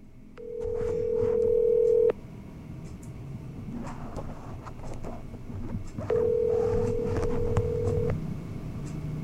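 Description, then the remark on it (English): A telephone call placed during a Rochester Free Radio show rings out with two long, steady ringback tones, each about two seconds, separated by a pause, over a busy, rumbling background noise. “All right, so we're going to call another person.”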